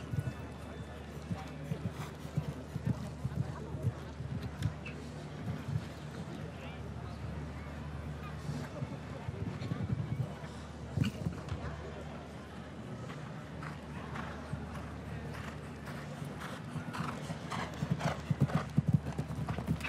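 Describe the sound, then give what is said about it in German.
The show-jumping horse My Lady La Vista, ridden by Janne Friederike Meyer-Zimmermann, gallops with strong impulsion, hooves pounding in a steady, rhythmic beat on the way to a vertical fence, with an occasional whinny and indistinct voices murmuring underneath. “Sehr starken Impuls in der Galoppade.”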